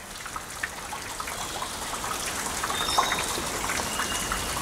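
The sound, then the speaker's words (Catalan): Condensed water drips and patters down through a tree canopy in November, with falling leaves and fruit dropped by foraging birds, scattered soft taps and splashes over a steady hiss, like a light uneven rain. “De les copes dels arbres cau una estranya pluja que és una combinació de fulles i gotes d'aigua condensada i també fruits descartats dels ocells que busquen aliment.”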